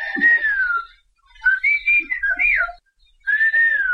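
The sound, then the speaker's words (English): Whistled language: a single high whistle in three phrases, a long gliding tone, then a choppy run of rising and falling notes like spoken inflections, then another sustained tone. No voices. “Whistled languages exist all around the world. They help people communicate over long distances, far longer than you could reach with words.”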